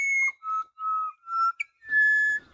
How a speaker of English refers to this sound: Now we're hearing another of the beautiful dawn voices of Australia. The pied butcher bird. Black and white, about the size of a jay. And they're fairly common.